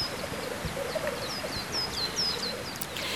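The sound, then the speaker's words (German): A black grouse calls faintly from a treetop, a soft low bubbling warble, while thin repeated chirps from other birds ring out above a steady outdoor background hiss. “Ja, und dazu muss man ganz still sein und ab und zu auch die Luft anhalten, dann hört man den Spielhahn vielleicht.”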